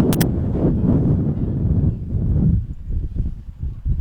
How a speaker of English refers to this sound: Just trying to hold on to everything when you feel the big gust coming in, and there's dirt right in the face.